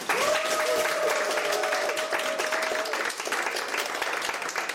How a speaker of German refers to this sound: Danke für den Applaus und auch hallo an alle zu Hause an den Endgeräten.